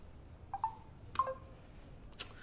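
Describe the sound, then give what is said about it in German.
A telephone call-waiting tone: a few short, quiet electronic beeps with soft clicks, spaced irregularly over a couple of seconds, with no voices. “Warte mal, da klopft jemand an.”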